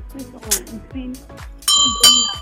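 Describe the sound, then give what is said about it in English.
A bright bell rings out loudly near the end, struck once and then again, its tone sustaining and shimmering after indistinct voices at the start. “Oh, please somebody ring my bell of justice.”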